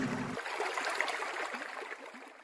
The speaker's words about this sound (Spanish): Fue tanta y tanta el agua que entró en la cueva que se formó un enorme río dentro de ella.